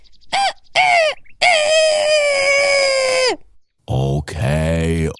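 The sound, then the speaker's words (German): A human voice imitates a rooster crowing on a fence: two short strained calls, then a long drawn-out crow held for about two seconds, followed by two more loud cries after a brief pause. “Also werde ich so lange krähen, bis ich nicht mehr kann.”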